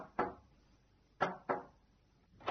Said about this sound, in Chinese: 酒鬼丈夫在外面喝醉了酒，很晚才回到家，他又忘记带钥匙了，于是只好敲门。